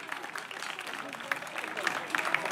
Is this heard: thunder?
no